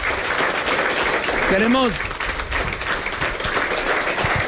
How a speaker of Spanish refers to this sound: Hoy vamos a regalarle un aplauso.